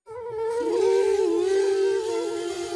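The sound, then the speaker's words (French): A mosquito's high, thin whine drones steadily, its pitch wavering slightly as it hovers right next to Toudou's ear in his bedroom for a few seconds before biting his cheek, with no voices. “Toudou l'entend de plus en plus fort. Et pique ! Le moustique pique Toudou sur la joue.”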